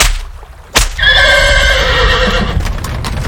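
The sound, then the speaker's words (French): A horse pulling the king's carriage lets out a loud, drawn-out whinny lasting over a second, preceded by a sharp crack, while hooves clop steadily and a low rumbling continues underneath. No one speaks. “Le roi exigea que le marquis monte dans son carrosse et participe à la promenade.”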